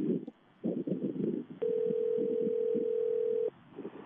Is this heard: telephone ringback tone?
yes